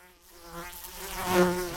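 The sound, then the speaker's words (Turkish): A fly buzzes into a person's ear, its whiny drone wavering in pitch and swelling louder as it moves in, with no voices present. “Lanet sinek kulağıma girdi.”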